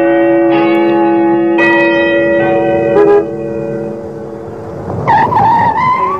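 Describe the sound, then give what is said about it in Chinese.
Church bells of a riverside clock tower in Shanghai ring out with long resonant tones, then near the end a small car brakes hard, its tires squealing briefly as it pulls to a stop in front of a courtyard gate. No one speaks. “吴秘书的小车在一个院子门前停下了”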